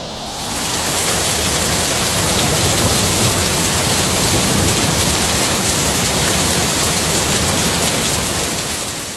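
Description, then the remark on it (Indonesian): Heavy rain roars steadily through a thunderstorm, a dense, loud wash of noise with a low rumbling undertone that fades in at the start and continues without pause; no voices. “Itulah asal mula kilat dan petir.”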